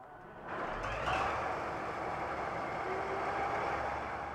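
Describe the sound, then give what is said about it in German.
The original engine of a V100 diesel locomotive nicknamed Muff rumbles steadily, its deep low drone rising after a quiet start and holding a loud, even roar with faint mechanical whines layered on top. “Auch der Motorsound ist natürlich noch original, nostalgisch.”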